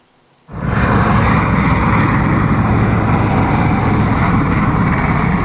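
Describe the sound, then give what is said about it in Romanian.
A loud, steady roar of the engines of fighter jets pursuing a drone cuts in abruptly after a brief quiet moment and holds at full strength, a dense rumbling wash of noise with no voices. “dar și motoarele avioanelor de luptă care urmăreau drona”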